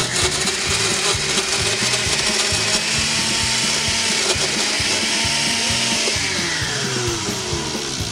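An electric kitchen blender runs loudly and steadily for several seconds, its motor whirring with a harsh, grinding buzz, with no voices; played on the show Der Mixer on Radio Bern 95,6 MHz.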